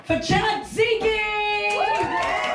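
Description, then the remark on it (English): A lively crowd cheers for the final act of the evening, with sustained whoops and shouted voices rising and falling over scattered claps, continuous and loud throughout. “We're up to the final act of the evening. Until it's my turn. Give it up!”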